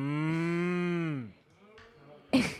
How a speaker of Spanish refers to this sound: Mira cuántas vacas hay por aquí.